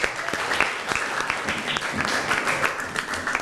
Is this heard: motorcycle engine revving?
no